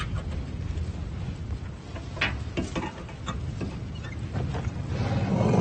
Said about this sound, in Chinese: 大象们似乎认出了他。对普尔博士的呼叫，大象报以低沉的吼声，或许这是他们在打招呼。